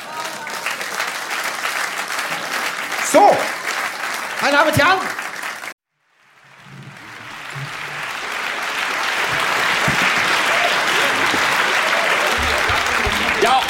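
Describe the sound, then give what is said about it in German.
An audience claps in a dense, steady wash of applause, preceded by a man speaking over a crowd; the clapping swells in after a brief silence and holds loud and even. “Klatschen, danke.”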